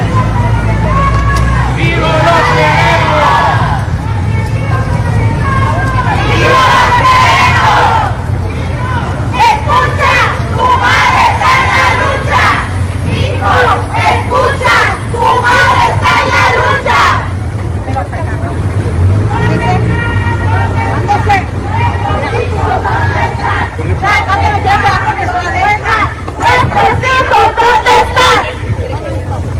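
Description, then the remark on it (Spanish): A large crowd of marchers shouts and chants together outdoors during a peaceful march through the streets of Culiacán, remembering loved ones and demanding justice, voices rising in loud rhythmic bursts over a steady low rumble, with overlapping cries and babble throughout. “Esto se escuchaba en la manifestación del día de ayer.”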